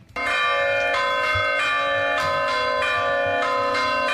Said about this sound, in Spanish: Las protagonistas son las campanas de Villava.